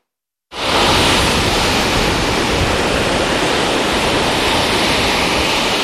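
Loud, continuous roar of rough sea surf with big waves driven by strong wind, unbroken after a brief silent start, with no individual wave breaks standing out and no voices; a red flag is up forbidding swimming.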